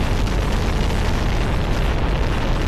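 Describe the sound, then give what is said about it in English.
A rocket engine roars at launch from the pad at Cape Canaveral on July 16, 1969, heading for the moon: a loud, steady, crackling rumble with heavy low-end thunder that holds constant throughout, with no voices. “7, 6, 5, 4. Ignition.”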